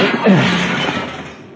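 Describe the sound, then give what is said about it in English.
A window's glass, about 50 stories up, shatters in one loud crash as it is smashed with a chair, the bright burst of breaking glass and falling shards fading away over about a second. “If we break the window, we could crawl on the ledge to another window.”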